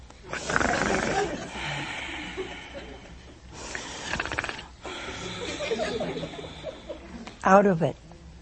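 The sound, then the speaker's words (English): A voice imitates Adam's loud, drawn-out snoring as he sleeps, with rough raspy inhales and breathy exhales repeating a few times, ending in a sharp snorting burst. Fairly loud, with no other talk. “And he was snoring.”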